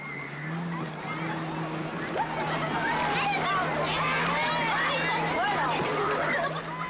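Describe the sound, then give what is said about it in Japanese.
A lively crowd of voices chatters and calls out over a steady background wash, with excited shouts and laughter rising and falling throughout, at the yearly beach opening on Amami Oshima, Kagoshima Prefecture, Japan, held on the third day of the third lunar month, on April 19 in 2026. “楽しそうな声が聞こえますね。”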